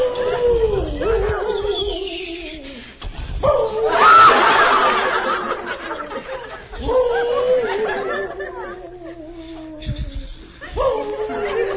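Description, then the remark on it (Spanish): A person imitates a wolf howl with about four long, wavering howls that rise then slowly fall in pitch, one after another, fairly loud, with no talking. “Estoy haciendo mi lobito lo mejor ahí en este rollo, señor.”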